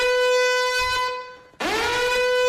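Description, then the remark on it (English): A loud, brassy air horn, used as a radio show's giveaway alarm on 2GB and 4BC, blares in two long blasts; the sound briefly cuts out, then the second blast starts low and swoops up into the same piercing tone. No one speaks. “Do we have a goodies alarm or something”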